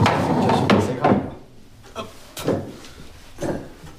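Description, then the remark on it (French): Several wooden knocks and thuds land at uneven intervals, with scraping and shuffling between them, as a person climbs up onto a wooden chair. Nobody speaks. “Là, il faut que je monte sur la chaise.”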